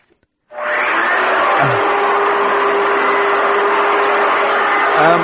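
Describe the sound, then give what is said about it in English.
A vacuum cleaner starts up after a brief pause and runs steadily as someone hoovers, a loud, continuous motor roar with a constant whining hum, no one speaking. “I think he's hoovering.”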